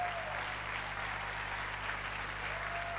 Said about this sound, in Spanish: Fuerte el aplauso al Señor.